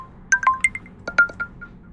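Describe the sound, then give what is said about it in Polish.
A phone notification tone, formerly the SMS sound: two quick bursts of bright, bell-like chimes with clear sustained pitches, each a short cluster of rising and falling notes, heard alone. “Też tych dźwięków powiadomień jest mniej, natomiast też pojawiło się kilka nowych i nawet samo to, że można w końcu rozdzielić dźwięk na pocztę e-mail i SMS-y, to jak dla mnie też jest bardzo dobra, duża zmiana.”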